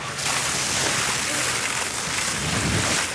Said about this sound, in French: Les pompiers arrosent le tronc avec une épaisse mousse blanche. Ça permet en fait d'étouffer le feu. On fait une couche, on supprime l'air.